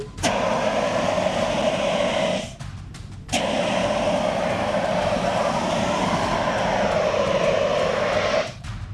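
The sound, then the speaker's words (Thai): A loud, steady roaring hiss of a CO2 fire extinguisher spraying in long continuous blasts to put out an oil-fuelled fire in a demonstration, broken by a brief pause near the middle and cutting off again near the end. No one speaks. “คราวนี้จะใช้น้ำมันเป็นเชื้อเพลิงแต่เดี๋ยวพี่จะใช้ CO2 ฉีดดับให้ดูก่อนว่ามันดับได้จริงๆนะครับนี่ครับ CO2”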